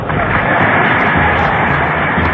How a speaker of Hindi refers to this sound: ये तालियों की गड़गड़ाहट जो अभी आपने सुनी, उस समय पर क्या माहौल रहा होगा आप अंदाजा लगा सकते हैं।